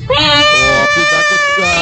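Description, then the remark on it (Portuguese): A cat lets out one long, loud, drawn-out meow, steady and whiny in tone, lasting nearly two seconds with no other sounds around it. “Cuidado com esse gato.”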